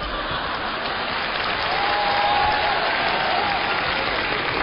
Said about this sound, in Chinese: 听见掌声了吗？ 听见了 啊。